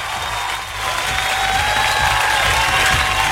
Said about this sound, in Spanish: Así que un aplauso para nuestro amigo David, ¿eh?